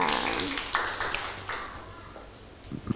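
Children clapping their hands, a brief scattered round of claps that starts fairly strong and gradually thins out, with a few sharper claps near the end.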